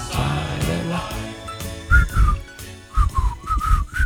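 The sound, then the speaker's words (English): Someone whistles a simple tune in a series of short, slightly wavering notes, moderately loud, over a soft instrumental backing with a steady low beat. “I'm trying to whistle. I can't whistle anymore.”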